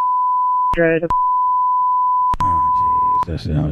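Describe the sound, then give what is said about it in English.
A steady, high censor bleep tone, beeping out a spoken address, runs through nearly the whole stretch, broken only by short bursts of muffled speech cutting in between and after it. “His address got get beeped out.”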